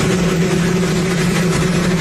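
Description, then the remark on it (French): A helicopter's engine roars steadily and loudly throughout, drowning out Donald Trump's speech, given without a microphone, as he cuts a ribbon; a continuous low droning hum with a broad rushing noise on top and no pauses or voices. “Il n'a pas de micro et son discours est couvert par le bruit d'un hélicoptère.”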